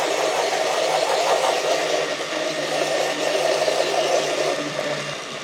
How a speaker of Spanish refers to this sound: Primero le voy a echar una parte y la tapo y le vamos agregando de a poquito sin apagar la licuadora. Vamos a prender la licuadora, la destapamos y vamos.